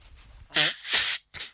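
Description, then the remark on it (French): Someone blows their nose hard into a tissue from a box, the tissue rustling as it comes out: a loud, breathy blast with a brief honking tone, a second longer rush of air, then a short final puff. No one speaks. “Quelqu'un qui se mouche. Parce qu'on entend les bruits du mouchoir qui sortent de la boîte.”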